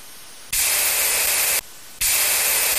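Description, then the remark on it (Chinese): Two loud, hissing bursts of a sprain-relief medicine aerosol spray, each about a second long with a short pause between, with no talking. “没事了，喷了药之后好多了。”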